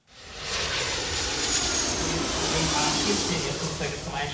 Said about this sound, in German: Während draußen die Verkehrsflieger noch mit Menschen im Cockpit starten und landen